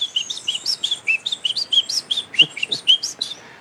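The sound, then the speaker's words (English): A person whistles an imitation of the song of the Munchique wood wren, a bird of the highlands of Colombia: a quick, steady run of about a dozen high, bright chirping notes, fairly loud, with no talking. “There is one here where we are that is called the Munchique wood wren that lives in the highlands.”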